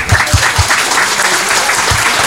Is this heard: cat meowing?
no